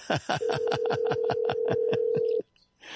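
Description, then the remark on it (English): An outgoing phone call to Rock Creek, British Columbia rings: a steady electronic ringback tone holds for about two seconds, overlaid with a fast, regular buzzing pulse, then cuts off into near silence. “We like it when it rings.”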